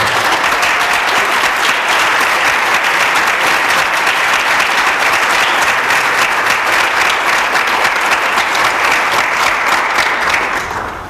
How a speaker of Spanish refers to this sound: Casi les pediría un aplauso para ellos, ahora ya sí.